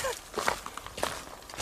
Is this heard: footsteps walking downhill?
yes